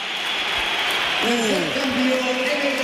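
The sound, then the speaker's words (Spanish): The crowd at the Bernabéu stadium applauds Vinicius as he is substituted off, a steady, dense roar of clapping that fills the whole clip, with a commentator's voice speaking over it partway through. “Va a entrar Álvaro Carreras, se va Vinicius, que ahora él aplaude al Bernabéu, se lo devuelven, pero al principio ha habido un poquito de todo.”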